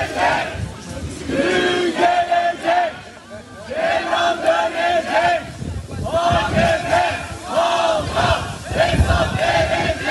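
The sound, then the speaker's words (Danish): A large crowd shouts and chants in rhythmic bursts, many voices rising together in loud, sustained waves with brief dips between surges, outside a courthouse in Turkey after the day's verdict. “Kan du høre, hvad de råber?”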